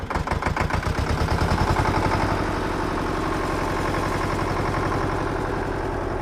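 A big red diesel tractor in a barn on a farm, its paint chipped in many places and its tyres nearly man-high, cranks and catches with rapid chugging bursts, then settles into a steady, loud, rumbling idle, with no voices.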